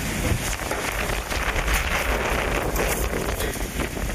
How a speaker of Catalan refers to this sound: Aquest és el so que va deixar ahir a la tarda un esclafit a l'avinguda Carrilet de l'Hospitalet que en 3 minuts va canviar totalment l'aspecte d'aquesta zona del barri de Santa Eulàlia, amb tendals caiguts, arbres trencats i motos per terra.